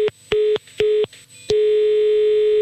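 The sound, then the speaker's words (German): Telephone line tone after a hang-up: a few short, evenly spaced beeps, then one steady, unbroken tone that carries on to the end. Fairly loud and clear, with no voices. “Und Sie sehen jetzt zu, ich werde jetzt auflegen.”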